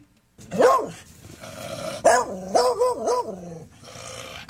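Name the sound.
dog barking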